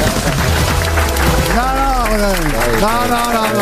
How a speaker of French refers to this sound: Il racole, mais vous avez demandé au public d'applaudir plus fort.